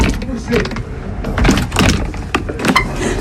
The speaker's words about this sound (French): J'ai réussi. Un peu archaïque cette porte. Enfin, elle surprend tellement de gens qu'elle me rassure vis-à-vis de certains voleurs, par exemple.